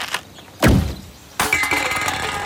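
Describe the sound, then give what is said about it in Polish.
A sharp thunk as an arrow shot from a bow strikes a target, its low thud fading quickly, followed by a second impact that trails into a sustained rattling, noisy ring. No one speaks. “Biorę łuk. Proszę. Napinam sznurek. Proszę. Wkładam strzały.”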